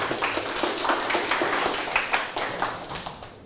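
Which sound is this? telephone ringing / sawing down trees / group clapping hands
group clapping hands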